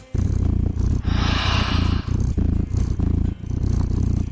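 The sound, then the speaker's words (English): A simulated cat purr played from a purr-simulator website, a steady, continuous low rumble with a regular pulsing rhythm of inhales and exhales, filling the whole stretch with no voices over it. “Don't you just want a cat snuggled up on you doing that?”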